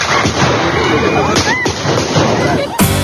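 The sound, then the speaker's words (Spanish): Several sharp gunshots crack out at irregular intervals over a dense, noisy crowd at a political party event in Bogotá, Colombia, fired by an unknown attacker at a senator and presidential pre-candidate, with voices and commotion continuing underneath and a final loud bang near the end. “Este fue el momento en el que recibió varios disparos por parte de un desconocido que fue detenido justo después de cometer el atentado.”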